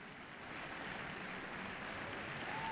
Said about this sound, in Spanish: Sostenido aplauso para la Osodre. Junto a ellos, el maestro Nicolás Raus, ya en el final de la transmisión de esta noche.